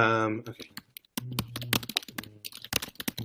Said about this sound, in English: Furious typing. Sorry. Okay. Oh, it might be too old news to be in Google anymore.